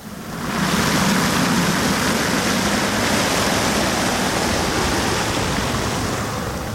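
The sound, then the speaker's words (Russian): Water pours steadily over a rotating fountain sculpture by Vadim Kosmachev, made of metal and water, a giant rotating sphere and a triangle; a loud, continuous splashing rush that swells in within the first moment and holds without pause. No voices are heard. “Эта скульптура Вадима Космачева, она сделана из металла и из воды. Это гигантский шар вращающийся и треугольник.”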